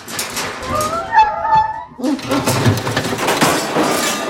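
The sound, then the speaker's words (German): A dog, Murks, whimpers in a thin, high-pitched whine that wavers for about a second as it tries to scratch its ear with its hind paw. The whine gives way to a steady rustling, scuffling noise as it bumps again and again against a grate in a very small room. “Plötzlich winselte Murks und versuchte, sich mit seiner Hinterpfote am Ohr zu kratzen.”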